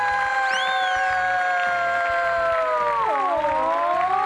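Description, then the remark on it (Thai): A front-row cheering squad of students cheers loudly and continuously during a static electricity activity with balloons, with a long drawn-out whooping cry riding over the crowd noise and a steady rhythmic thumping underneath. “เดี๋ยวร้องเพลงก่อนแล็บซ่าแล็บซ่าขอเสียงแถวหน้าเลยค่ะ ว้าว”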